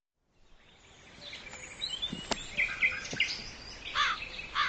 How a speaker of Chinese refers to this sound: 呸！呸！哪里来的乌鸦？晦气！